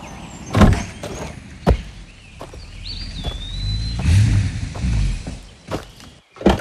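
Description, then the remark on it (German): A police inspector's car rolls up with a low engine rumble, and several solid door thunks and clicks ring out around it, fairly loud, with no talking. “Ich glaube, ja, da hinten kommt Kommissar Pfahl.”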